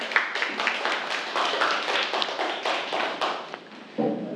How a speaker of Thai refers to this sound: ครับเรียบร้อยแล้วใช่ไหมครับปรบมือเพื่อนด้วยครับนักเรียน